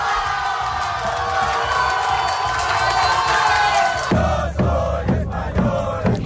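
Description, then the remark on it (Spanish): A large crowd gathered in main squares and landmark sites of Castilla y León, watching on giant screens, cheers and shouts in a loud, sustained roar of celebration after Spain's football win over France. Toward the end it breaks into rhythmic, pulsing bursts of chanting. “miles de personas se dieron cita anoche en plazas mayores y lugares emblemáticos de Castilla y León para poder ver a través de pantallas gigantes esa victoria de España ante Francia.”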